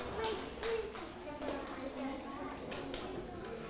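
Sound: students clapping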